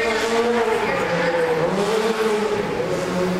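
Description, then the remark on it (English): A specially designed stunt hero car drives loudly onto a set, its engine droning and its tires squealing in a steady, wavering whine for a few seconds, with a busy noisy background. “Guys, can we get the hero car to set, please?”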